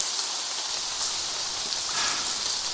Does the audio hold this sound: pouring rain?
yes